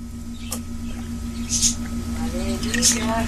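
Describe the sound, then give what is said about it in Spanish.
A preacher takes a few quick sips of water from a glass while preaching, with short wet slurping bursts spaced a second or so apart over a low steady hum. “¿Y cómo la vamos a mojar? Con un buchito de agua.”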